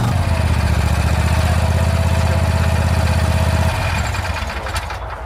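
A Vary RL102H garden tractor mower is started with a key. It is used for regular grass cutting with collection into a basket. The engine runs with a steady, loud low rumble, then its tone drops and eases off slightly near the end.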